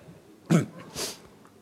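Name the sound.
nose blowing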